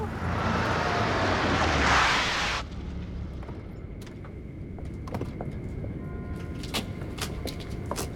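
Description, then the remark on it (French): A car engine roars loudly for a couple of seconds as the car arrives at Monsieur Wang's house, then drops to a low idling rumble with a few light clicks and knocks as it comes to a stop. “Et cette voiture qui n'avance pas...”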